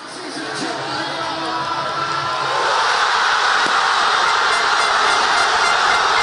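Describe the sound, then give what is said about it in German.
A huge crowd of football fans at a public viewing in Buenos Aires cheers and roars after the winning goal in extra time. The noise swells from a loud murmur into a sustained, dense wall of shouting and jubilation that stays loud throughout. “Hören wir mal rein, ne, wie das klang in Buenos Aires beim Public Viewing.”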